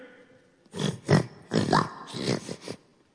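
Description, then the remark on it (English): A voice imitates oxen lowing with four rough, growly bursts in quick succession, fairly loud, with short breaks between them and no other talking. “Those are oxen.”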